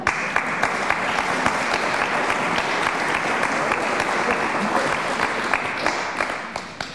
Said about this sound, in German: Bei Kirche in Not kriegen Sie natürlich Applaus für so eine Aussage.